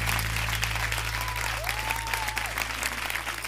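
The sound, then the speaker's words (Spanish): Steady, dense applause from a large audience fills the whole stretch, loud and continuous, with a faint rising whistle briefly cutting through the clapping partway in. “fuerte el aplauso.”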